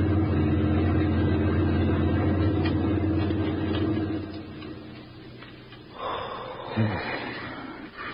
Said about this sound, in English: A German army lorry rumbled by while we squatted behind the hedgerow and held our breath.